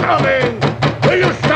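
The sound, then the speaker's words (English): A few firm knocks on a door late at night, spaced irregularly, sounding over a busy background of murmuring sound. “On that door at this hour of the night?”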